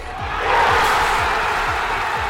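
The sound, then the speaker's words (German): A huge crowd of hundreds of thousands of football fans roars and cheers at the final whistle around the Obelisk in central Buenos Aires, Argentina, in a dense, steady wall of noise, while low booming thumps, like drum beats, pound about twice a second underneath. “So klingt der Schlusspfiff im Zentrum von Buenos Aires.”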